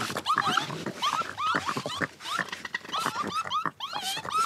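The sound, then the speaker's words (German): Raccoon warning calls: a rapid series of shrill, chittering squeals and whines, repeating several times per second with no talking. “Waschbären sind und bleiben wilde Tiere. Okay. Jetzt gibt es erstmal Warngeräusche.”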